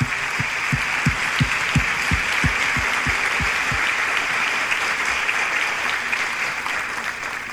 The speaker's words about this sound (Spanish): Y yo quisiera, para comenzar, que demos un aplauso al Instituto México y a los padres de familia que ha organizado también este evento, porque es una gran oportunidad.